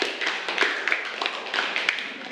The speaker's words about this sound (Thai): ปรบมือให้กับกลุ่มที่1ด้วยค่ะ